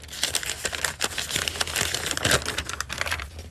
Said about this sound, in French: Et Véro, je vous propose de prendre un petit papier.